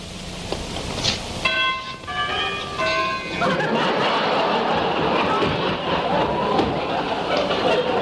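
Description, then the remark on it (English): A cottage doorbell chimes a short run of clear, ringing notes, loud, then gives way to a steady wash of noisy background sound. “I walked up to the cottage and rang the bell.”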